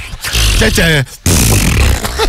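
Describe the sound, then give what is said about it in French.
A voice blows a loud, sputtering raspberry to imitate a fart, a brief buzzy burst with wobbling pitch, then a longer, noisier flapping blast right after a short pause. “Genre, tu lâches une vieille perlouse de décompression, quoi.”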